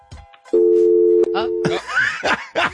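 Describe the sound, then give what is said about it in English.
A steady electronic phone line tone holds for about a second, loud, during an attempt to add a caller on a three-way call, with a second tone briefly overlapping, followed by people talking and laughing. “You tried to put her on three-way.”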